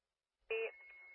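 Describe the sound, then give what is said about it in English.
A short, bright telephone dialing tone sounds after a moment of silence, then settles into a quieter steady electronic tone that continues to the end. No one speaks. “Is that answering his phone?”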